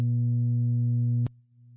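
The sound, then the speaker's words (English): A loud, steady electronic tone holds for over a second, then clicks abruptly to a second, softer pitch: two-tone radio dispatch paging alert tones sent out over a radio channel. “Do you want the tones? Go ahead and tone it out.”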